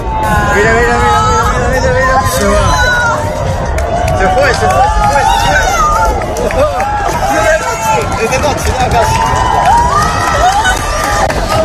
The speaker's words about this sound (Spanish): Aplausos, incluso lágrimas, el asombro de la gente ante una belleza inquietante, ante un fenómeno realmente hipnótico. Escuchábamos los gritos de la gente en la Torre de Hércules, en La Coruña